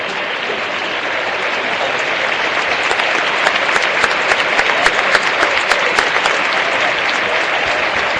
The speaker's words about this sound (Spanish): Hay un aplauso respetuoso en todo el estadio para la memoria de Jorge Messi, el padre de Lionel.